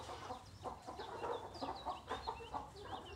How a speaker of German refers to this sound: Wir halten die Blumenhühner vorrangig natürlich für die Eier